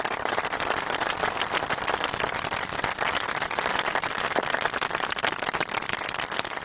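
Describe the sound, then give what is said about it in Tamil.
Sustained applause from a group for a child participant who played well, a dense, steady patter of many hands clapping at once, holding an even loudness for several seconds with no voices over it. “உங்களுக்கு கைத்தட்டல் கொடுக்கப்பட்டது.”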